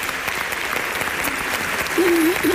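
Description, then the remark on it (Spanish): A theatre audience claps steadily for the absent choir director, a dense wash of many hands that keeps going; near the end a voice rises briefly above the applause. “te mandamos un beso y un aplauso desde el teatro, desde tu teatro.”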